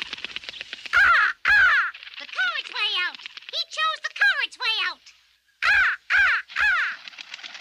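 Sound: raven cawing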